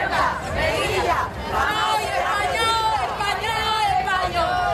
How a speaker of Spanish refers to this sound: El grito de centenares de personas frente al Palacio de la Asamblea. En la tarde de ayer, cientos de merillenses salieron a la calle para reivindicar la españolidad e integridad territorial de las ciudades autónomas y mostrar su apoyo a Ceuta.